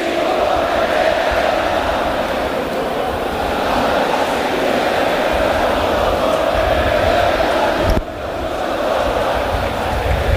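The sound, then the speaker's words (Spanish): A large crowd of Almería fans sings the Almería club anthem together without accompaniment before a match against Unión Deportiva Las Palmas, a loud, steady wall of voices that holds throughout, with a brief dip just before the end. “Aquí suena con fuerza ese himno del Almería, a capela, como acaban de comentar.”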